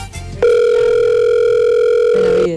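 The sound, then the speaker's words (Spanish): A loud, steady electronic ringback tone from an outgoing phone call holds for about two seconds after a short pause, shifting pitch slightly near the end. No one speaks. “¿Pero el usuario o la que estamos llamando?”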